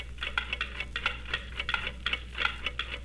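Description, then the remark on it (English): Several clocks in a clock shop tick at once, their crisp, steady clicks overlapping in slightly different rhythms over a faint low hum, with no voices. “Every clock was talking, too.”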